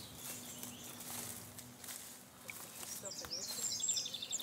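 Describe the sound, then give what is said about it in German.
Birds chirp and call to each other from one side of a valley to the other in the Alentejo, with brighter, clearer bird notes rising toward the end over a soft outdoor ambience and faint background hiss. “Hörst du die Vögel?”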